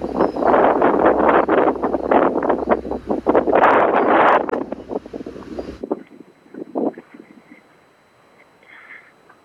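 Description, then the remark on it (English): Strong, gusty wind roars and buffets with a rustle of palm fronds, then abruptly falls away to a much quieter, fitful breeze for the last few seconds. “I'm actually kind of hiding now behind a palm tree to get out of the wind.”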